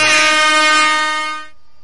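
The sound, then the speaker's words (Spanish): A loud, blaring air horn blast holds steady for about a second and a half with rich buzzing harmonics, then cuts off abruptly, with no talking. “Si nos andan escuchando en audífonos, bueno, a la banda que nos andan escuchando en audífonos, disculpen por el torpedo.”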